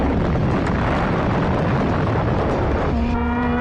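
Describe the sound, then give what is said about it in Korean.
Dense, roaring rumble of heavy explosions as bomber aircraft, including four Grumman planes, bomb a valley and set it ablaze, loud and continuous; near the end a steady droning engine tone emerges, like an aircraft passing overhead, as the signal plane circles at a fixed altitude. “신호를 책임진 비행기는 일정한 고도에서 빙빙 돌면서 다른 비행기들의 폭격 효과를 지켜보고 있었다.”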